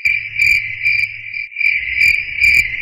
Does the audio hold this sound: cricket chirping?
yes